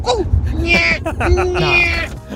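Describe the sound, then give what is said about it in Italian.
A person whistles and warbles an imitation of a generic bird call, two rising, trilling bursts, with a low rumble of background noise underneath. “quando finiscono in un bosco e per scappare dei banditi che chiedono riscatto cercano di mimetizzarsi e fanno il verso di un uccello qualsiasi.”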